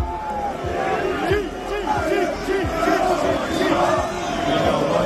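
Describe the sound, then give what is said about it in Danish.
A large crowd of Liverpool football fans at Anfield in Liverpool chants and shouts together at Manchester City players and fans in a loud, rhythmic roar, voices rising and falling in sung phrases with steady, dense crowd noise throughout. “I er nogle snydende skiderikker, og I ved det godt selv, sang og råbte Liverpool-fans mod Manchester City-spillere og Manchester City-fans, da City i går besøgte Anfield i Liverpool.”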